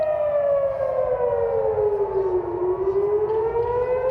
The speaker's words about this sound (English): Sirens blaring in Jerusalem, warning of incoming Iranian missiles.